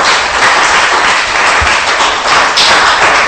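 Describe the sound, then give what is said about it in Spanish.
A crowd claps steadily and loudly, a dense wash of many hands applauding at once for the King that fills the whole stretch without pause, with no voices standing out. “Ojo, dele palmas, pues le va a dar palmas al Rey.”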